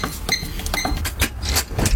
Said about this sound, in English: Okay, I think … is opening the door to his tour bus.